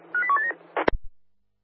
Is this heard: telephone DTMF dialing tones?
yes